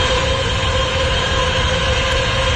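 Loud, unbroken noise from a data center in Michigan, recorded on a camera phone from outside its fence: a dense mechanical roar with steady humming tones layered through it, holding constant from start to finish without any voices.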